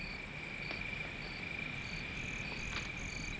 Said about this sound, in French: J'entends le bruit des grillons, c'est pour moi.